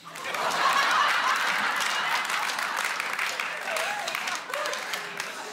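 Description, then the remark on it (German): An audience of people aged 60 and over, asked to clap, claps steadily for several seconds, a dense wash of applause from many hands with scattered chuckles and murmurs mixed in. “Sind hier welche? Mal klatschen, wenn es noch geht.”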